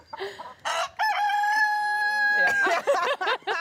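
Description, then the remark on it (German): A rooster crows loudly, one long drawn-out call, followed by a flurry of hens clucking and cackling around it, in a flock of 60 hens on a farm. “Christine setzt den Hahn immer wieder auf die Hühnerwiese.”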